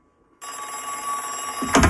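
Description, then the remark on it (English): An old-style telephone bell starts ringing after a moment of quiet, a loud, continuous metallic jangle that keeps going without a break. “First you are here, and now the telephone is ringing without cessation.”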